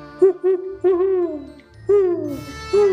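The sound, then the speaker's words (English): A series of answering hoots from the woods, two short notes followed by longer, gently falling ones, breathy and fairly loud against a quiet background with no talking. “I cup my hands, hoot the way gramps taught me and Rider.”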